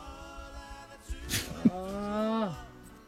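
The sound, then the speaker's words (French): Someone imitates a pig snort: a short, breathy nasal burst, then a drawn-out voiced grunt that slides downward in pitch. “Arrête de faire ton nez de cochon”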